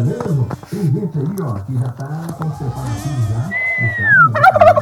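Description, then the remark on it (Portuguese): A turkey on a farm gobbles in loud, rapid warbling bursts, repeating over several seconds, with a higher descending bird call briefly rising near the end. “Olha o peru”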